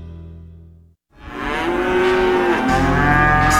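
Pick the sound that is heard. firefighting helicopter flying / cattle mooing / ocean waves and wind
cattle mooing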